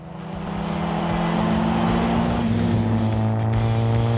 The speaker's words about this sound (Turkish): Ve şu an bir Lotus Elan kullanıyorum.